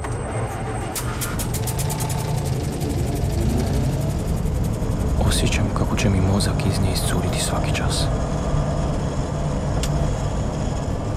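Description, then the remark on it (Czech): A car's engine drones steadily as it drives, a continuous low rumble filling the background while a person speaks quietly over it. “Ležim u autu i sanjam.”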